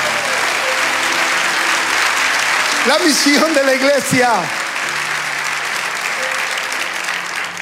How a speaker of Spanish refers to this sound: Fuerte el aplauso.